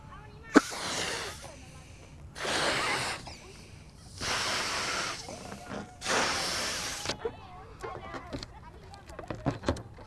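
A person blows out breath in four strong, airy gusts, each a second or so long with short pauses between, followed by a few faint clicks and taps.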